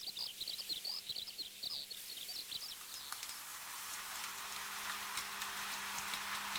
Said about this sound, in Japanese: アキアポーラーアウはハワイ島の高山地帯の森林にのみ生息するハワイ固有の鳥。そして現在、極めて深刻な絶滅の危機にあるとされています。